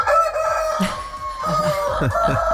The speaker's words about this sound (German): Und heute wird gegackert. Und gekräht. Gleich 7:10 Uhr schalten wir nach Kolditz in den Hühnerstall.